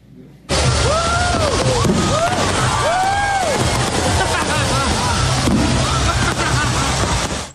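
Loud, continuous fireworks from a post-game fireworks show in Richmond, Virginia, on a Thursday night, shooting directly into the stands: a dense barrage of rapid crackling pops and bangs, with several whistling rockets swooping up and down in pitch, over crowd noise and shouting.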